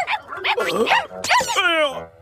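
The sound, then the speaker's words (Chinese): Several dogs that have escaped from their cages bark and yelp in quick, overlapping, loud bursts, with high whining cries sliding in pitch toward the end. “不，狗狗往回笼子里去。”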